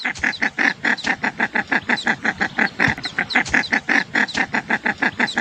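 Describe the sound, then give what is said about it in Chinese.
A female Scaly-sided Merganser (Chinese merganser) gives a rapid, steady series of loud, urgent calls, about five per second, with no pause and no talking over it, calling her ducklings and signalling that it is safe to leave the nest. “通过它这种急促的鸣叫，呼唤小鸭子给它这种信号，说现在比较安全。”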